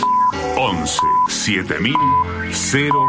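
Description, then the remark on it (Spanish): A series of short, steady electronic beeps sounds at roughly one-second intervals, a radio station's hourly time signal marking seven o'clock, clear and prominent over a busy broadcast jingle with voices and music mixed underneath. “Sonó el top y en Radio 750 estas son las noticias.”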